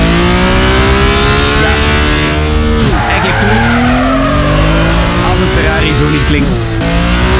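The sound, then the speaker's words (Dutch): A loud Ferrari combustion engine revs hard, its pitch climbing and dropping through gear changes, while tires squeal and skid continuously across the whole stretch. “Dat zou aan de prijs kunnen liggen natuurlijk, maar misschien ook omdat het een elektrische Ferrari is en die onmogelijk zo kan klinken.”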